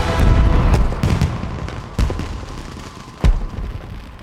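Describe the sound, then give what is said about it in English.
Fireworks bursting in the sky at irregular intervals, four or so deep booming cracks over a continuous low rumble, echoing, with no voices. “Now fireworks burst in the sky.”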